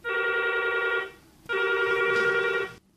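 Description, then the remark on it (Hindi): A telephone rings twice for an incoming listener call to a radio request programme, in steady, even bursts of a bright electronic tone, each lasting just over a second with a short gap between, loud with no talking. “तर घेऊया कार्यक्रमातील हा पहिला फोन.”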